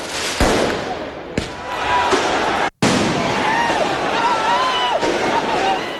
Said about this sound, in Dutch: Na de winst van de voetbalclub Paris Saint-Germain in de Champions League gingen mensen de straat op in de Franse hoofdstad. Er werd brand gesticht en veel vuurwerk afgestoken.